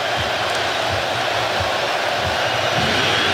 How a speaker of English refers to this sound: This crowd wasn't really into it. They are now.